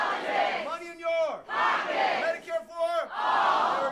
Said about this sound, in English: If you go to one of Democratic Senate candidate Abdul El-Sayed's town halls in Michigan, you will hear the crowd chant the campaign slogan. Money out of!